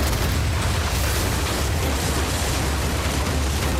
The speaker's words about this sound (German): Kanonen auf die gegnerischen Schiffe schießen, den Kahn durch die raue See steuern, lieb ich